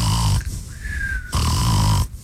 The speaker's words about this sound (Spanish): El profe es bien obediente, mira. Está roncando.